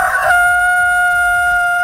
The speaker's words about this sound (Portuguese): Quem é o Zezé, por quê? O Zezé é um galizezinho. Canta afinado, mas bonito assim que Nossa Senhora.